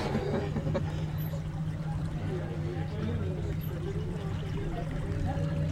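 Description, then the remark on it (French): A boat moves steadily through water as it tries to overtake the boat in front, with kayaks just ahead, continuous splashing and rushing along the hull over a low, constant drone. Faint voices sit in the background throughout. “Bon, on va essayer de doubler le bateau devant, là.”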